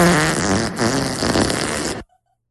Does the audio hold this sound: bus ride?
no